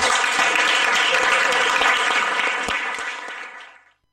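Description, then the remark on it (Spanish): A crowd applauds steadily, a dense wash of many hands clapping, holding strong before tapering off and fading out near the end. “Así que sin más, un aplauso grande a la”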